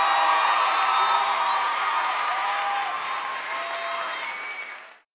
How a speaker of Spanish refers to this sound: Aplauso